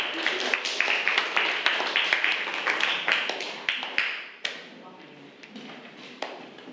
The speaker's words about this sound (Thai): ขอเสียงปรบมือให้กับตัวแทนนำเสนอด้วยค่ะ